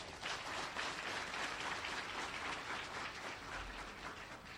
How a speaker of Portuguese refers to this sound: Estas mulheres, estes jovens são verdadeiros heróis da produção em Moçambique. Por isso queria pedir uma grande salva de palmas.